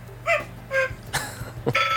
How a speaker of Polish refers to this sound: No ta kukułka jest wątpliwej jakości, tak to się zgadza.